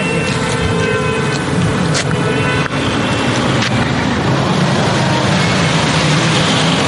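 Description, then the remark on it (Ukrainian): Cars driven at very high speed race past on a road, their drivers revving the engines, a loud, continuous engine roar that swells and holds without letup, with a few brief sharp knocks cutting through. No one speaks. “Але саме в цей момент водії починають ганяти дорогою на шаленій швидкості.”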